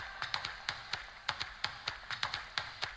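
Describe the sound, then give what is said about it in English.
Hands clap in a quick, uneven rhythm, sharp snappy slaps often falling in pairs or triplets, about a dozen over a few seconds, fairly soft with no voices. “If you have breath in your nostrils, come and clap like this.”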